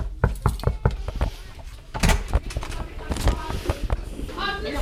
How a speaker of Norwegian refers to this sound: Nå står vi på utsida av klasse 3B her på Lærvik skole, og vi banker på.